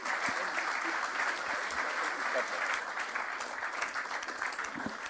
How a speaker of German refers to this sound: wir bitten um einen donnernden Applaus.